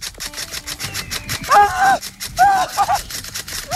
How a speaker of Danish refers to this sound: Og vi har også været forbi dig på Hillbilly Camp oppe i Lykken. Ja. Hvor vi fik lov til at skyde hinanden med hardballpistoler.